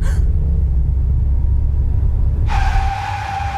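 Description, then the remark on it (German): A car engine rumbles loudly as the vehicle pulls away after the handbrake is released, then tires squeal in a sharp, sustained screech as it brakes hard at a red traffic light, with no voices. “Ey, was soll das? Warum bremsen Sie denn?”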